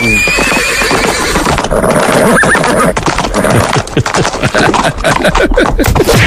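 A horse whinnies loudly, its shrill neigh ringing out over a busy clatter of hooves and scuffling that keeps going to the end, with no voices.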